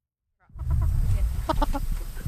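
Backyard chickens cluck in short, choppy bursts at a home with a backyard chicken coop, a quick cluster of calls rising over a low, steady outdoor rumble, moderately loud.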